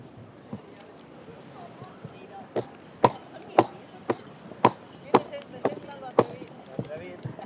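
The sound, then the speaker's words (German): Horse hooves clip-clop on hard ground in a steady, fairly loud series of sharp knocks during the procession through the town at the Fiesta de San Juan horse festival in Fornells, with a busy crowd murmur and voices in the background. “Mit dem Eselreiter beginnt der erste Teil, die Prozession durch den ganzen Ort. Er holt alle anderen Reiter ab.”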